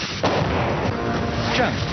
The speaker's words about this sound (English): And when the enemy hears the Apache's 30mm, things tend to get quiet quickly.